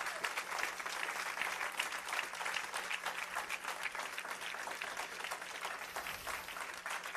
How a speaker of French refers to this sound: Est-ce qu'on ne peut pas dire bon Dieu, un applaudissement, mon soeur?